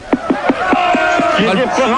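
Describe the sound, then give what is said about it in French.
An audience shouts and chants together, with a quick run of rhythmic, evenly spaced beats at first, then sustained, wavering raised voices filling the rest. “Bah ouais, mais là, écoute, le public est en train de gueuler, écoute-les.”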